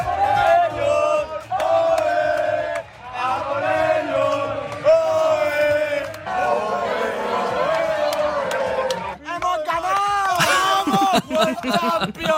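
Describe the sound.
A loud crowd of hundreds cheers and chants in sustained waves at the Radio Wien public viewing of the football World Cup final at the Salettl am Campus in the 9th district, many voices shouting together with brief dips between bursts, rising to an excited roar near the end.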